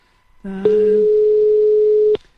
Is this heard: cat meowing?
no